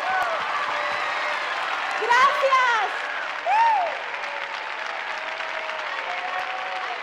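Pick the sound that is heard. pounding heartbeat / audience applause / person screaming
audience applause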